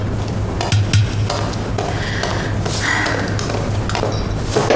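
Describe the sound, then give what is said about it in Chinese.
A utensil scrapes and clatters around inside a cooking pot as someone checks that it has not boiled dry, steady stirring over a low, constant background hum, with a few soft knocks against the pot. “啊，我进来看看锅，怕锅干了。”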